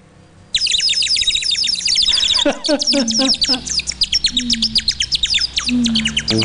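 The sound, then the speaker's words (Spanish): A dense chorus of birds chirping and singing bursts in after a brief quiet moment, with rapid overlapping tweets that stay loud throughout. “¡Ah, qué bonito los pajaritos cantan!”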